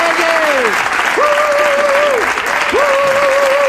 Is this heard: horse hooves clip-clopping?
no